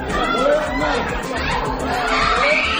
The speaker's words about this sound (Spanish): Son los gritos de la familia de un niño de 3 años al que Israel ha matado en su último ataque contra la franja. Han muerto este niño y un adulto. El ataque, según las autoridades de la franja, que controla Hamás, fue cerca de una panadería